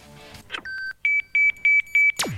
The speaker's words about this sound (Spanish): Aquí ha sonado el silbato de Ruth Díaz. Están jugando Unión y Colón la segunda parte.